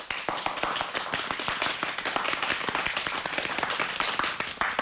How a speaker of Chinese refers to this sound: 大陈岛帆船帆板基地已经成为中国帆船帆板后备人才基地了，你们让大陈岛的人无比自豪，感谢你们！ 鼓掌。